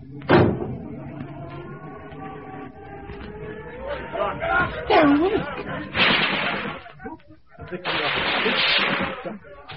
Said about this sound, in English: Shut the doors.